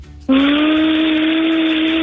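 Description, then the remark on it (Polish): A girl's voice makes a sustained, steady whooshing drone imitating a vacuum cleaner, starting abruptly and holding loud with a breathy hiss and a faint rising hum underneath. “Jakie jeszcze zwierzęta poza owcami potrafi … naśladować? Konia, kota, odkurza, wszystko.”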